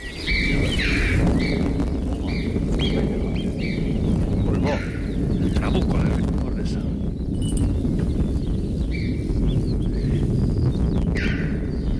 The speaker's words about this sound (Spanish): Pedazo trueno, ¿eh? Es que el cañón es muy grande y lo multiplica por mucho.